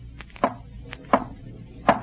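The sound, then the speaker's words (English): Three sharp raps, evenly spaced with slow pauses between them, ring out with a few fainter taps in between, answering a call for the dead Richard to rap three times, the way he always used to knock. Nobody speaks. “Did you not tell him to rap three times? That's how Richard always used to knock.”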